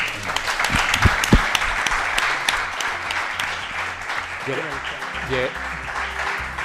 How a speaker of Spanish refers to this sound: Así que enhorabuena para todos ustedes y un fuerte aplauso.